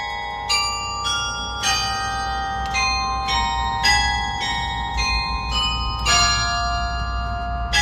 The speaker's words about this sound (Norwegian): hentet fra Edvard Griegs lyriske stykker, spilt fra klokkertårnene I Nidarosdomen I Trondheim